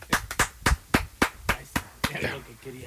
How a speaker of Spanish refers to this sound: ¿Qué querías, carnal? ¿Te aplaudimos? Vamos a aplaudirle, 1, 2, 3.